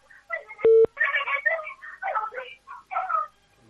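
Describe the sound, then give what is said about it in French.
A single sharp electronic keypad beep from a new telephone during an on-air call, a steady pure tone lasting a fraction of a second, with people talking indistinctly around it. “C'est compliqué avec ce nouveau téléphone.”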